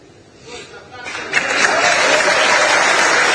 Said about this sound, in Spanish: el aplauso unánime, muy merecido, por cierto, para la figura de Franco Armani